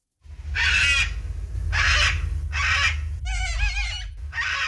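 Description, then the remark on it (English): A cockatoo screeches loudly, giving a run of harsh, raspy calls with one more tonal squawk midway, over a steady low rumble of background noise. “That is a cockatoo, and that cockatoo beat out the kangaroo, the koala, and the bin chicken to become the emblem of the Games.”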